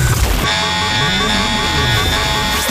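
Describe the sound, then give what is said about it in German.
The FM1 Open Air Alarm, a loud radio station jingle: a steady, buzzing horn-like blare holds for about two and a half seconds, with low sliding tones wavering underneath before it cuts off. “Der FM1 Open Air Alarm. Ja, da jetzt nur ein Beispiel.”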